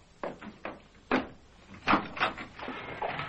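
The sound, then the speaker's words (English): A door is opened to answer someone at the door: a handful of sharp, uneven clunks and clicks from the latch, then a longer muffled scrape as it swings, moderately loud with no voices. “Someone at the door.”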